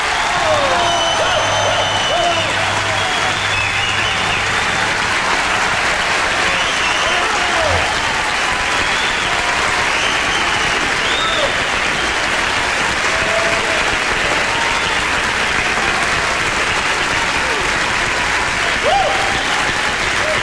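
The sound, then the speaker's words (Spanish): Loud, sustained applause from a large audience for a music director in Mexico, a dense wash of clapping that stays steady for the full twenty seconds with no talking over it. “fuerte aplauso para el mejor señor, el mejor director de México, el maestro y señor,”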